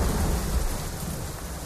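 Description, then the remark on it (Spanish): Heavy rain pours down steadily in a dense, continuous hiss with a deep rumbling low end, like a downpour during a storm, loud with no voices; very intense rain starting at 4 in the afternoon on 26 August 1983 in Laudio, during the San Roque festivities. “A las 4 de la tarde la lluvia empieza a caer con muchísima intensidad y una hora más tarde comienzan a desbordarse los afluentes del Nervión.”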